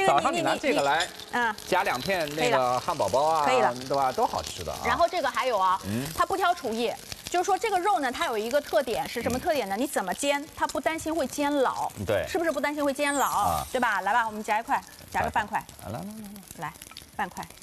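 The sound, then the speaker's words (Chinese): A cod fillet sizzles as it pan-fries in butter in a frying pan, a steady crackling hiss running beneath near-continuous conversation between people. “我跟你讲， 对，你的黄油煎牛排很好吃。但我是想说，就是因为它本身鱼的油脂含量有一些的，其实它不需要放太多的油。”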